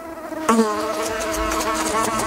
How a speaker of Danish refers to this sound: Den her lyd, ja, det er nok måske en af de mest stressende lyde, jeg kender. Insekter i vindueskarmen, eller på gulvet, eller oppe i hjørnet, lige under loftet, eller hvor det er bare sådan, det er indenfor.